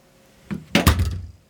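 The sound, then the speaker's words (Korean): A front door opening as a husband comes home: a quick rattle of the latch, then a couple of solid, low wooden thuds as it swings, all over in about a second with no voices. “현관문이 열렸다.”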